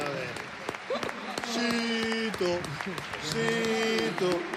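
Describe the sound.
A stadium crowd breaks into steady applause, dense clapping rolling on for several seconds, mixed with raised, sustained voices calling out across the stands.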